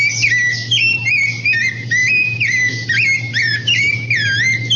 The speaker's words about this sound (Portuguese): Eu quero saber que passarinho que é esse que tá cantando aí, ó. Escuta, escuta. Ó. Escuta, escuta, escuta. De novo, ó.